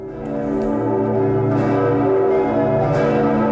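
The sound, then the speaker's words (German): The large bells of Bremen Cathedral ring out in a dense, overlapping peal, their deep resonant tones and rich overtones sustaining continuously with fresh strikes every second or so, loud. “Die Glocken des Bremer Doms.”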